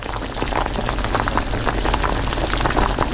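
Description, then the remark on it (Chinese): A pot of chicken pieces, stir-fried and then stewed in added water, bubbles and simmers steadily, with a continuous dense burble of small pops and gurgles of boiling liquid and no voices. “鸡块下锅翻炒，香气渐浓，等到一定时间加水炖煮，香味更浓。”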